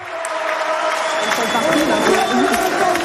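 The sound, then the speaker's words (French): At the French Open at Porte d'Auteuil, on the Suzanne Lenglen court, a large crowd roars and cheers for French player Diane Paris, with massed voices rising into sung Parisian supporters' chants over the constant din, loud throughout the few seconds. “Et vous allez l'entendre, la Niçoise qui a été acclamée par la foule et qui ont même chanté des chants de supporters parisiens.”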